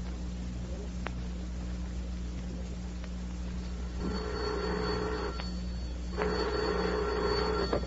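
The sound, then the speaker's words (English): An old telephone bell rings twice in long, buzzy bursts with a brief pause between them, loud over a steady low hum. “The telephone bell, the electric railroad.”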